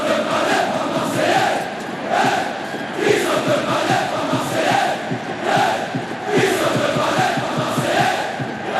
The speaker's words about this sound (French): J'ai jamais vu quelque chose d'aussi fort en ressenti, en émotion au stade Vélodrome. Quand on est tous ensemble et que ça chante et que ça crie et que ça hurle, c'est un bonheur incommensurable de partager ces moments-là, ça c'est clair.